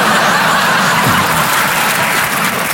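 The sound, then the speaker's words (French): A live audience applauds steadily, a dense, loud wash of clapping that fills the whole moment without letting up, with a faint hint of laughter mixed in. “N'applaudissez pas, vous allez tous mourir, hein.”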